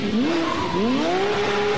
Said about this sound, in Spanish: Se encienden los motores.